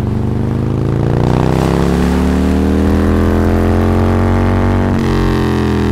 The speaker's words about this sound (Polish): Jednym z popularnych środków transportu są tu taksówki motocyklowe. Są szybkie i stosunkowo tanie, idealne do poruszania się w zatłoczonych miastach.